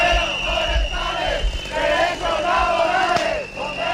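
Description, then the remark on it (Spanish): A loud, continuous protest din by Aragon forest firefighters with fire beaters, saws and sirens at the doors of the Consejería de Medio Ambiente: a crowd shouting and chanting over a steady high siren tone, with rising and falling wails and thumping low bursts throughout. “Con batefuegos, sierras y sirenas y echando ceniza a las puertas de la Consejería de Medio Ambiente, exigen al Gobierno que escuche sus demandas.”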